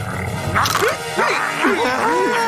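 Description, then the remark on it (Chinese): An angry dog barks and growls, with about four loud, snarling outbursts in quick succession over a steady background hum. “哦，别生气了，狗狗。”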